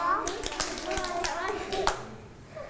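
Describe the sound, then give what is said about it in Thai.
Several children sit down and clap their hands twice on instruction in loose, uneven bursts, the sharp claps scattered rather than in unison, with children's voices chattering underneath throughout. “นั่งลงปรบมือ2ครั้งแล้วเอามือจับไหล่”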